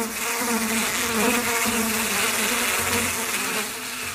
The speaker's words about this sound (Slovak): Len čo sa dažďové mraky schovali a stará jablonka, ovlažená dažďom, si usušila konáre, malé hmyzíky sa s hrmotom a bzučaním vrátili do školy.